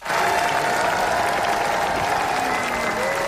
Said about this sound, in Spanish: En el Festival de Cannes, 8 minutos de ovación para El ser querido, de Rodrigo Sorogoyen.